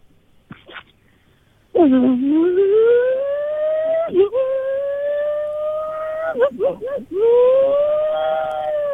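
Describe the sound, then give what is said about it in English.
A phone caller's voice mimics an engine revving: a loud, buzzy hum climbing steadily in pitch, broken by quick gear-change dips and wobbly warbles, then surging upward again. “Give us your best rev noise.”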